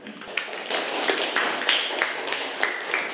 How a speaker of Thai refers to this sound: ขอเสียงปรบมือให้ด้วยค่ะ